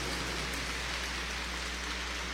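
An audience at the cathedral church in Tuxtepec applauds a priest who has served there: a dense, steady wash of many hands clapping at once, sustained evenly at moderate loudness for the whole stretch, with no voices over it.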